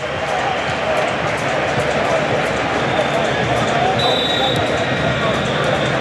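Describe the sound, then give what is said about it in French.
A dense, steady roar from a large stadium crowd at a football match between Argentina and Egypt, with thin high-pitched whistles emerging partway through and one sharper whistle standing out near the end. “Vous entendez les sifflets.”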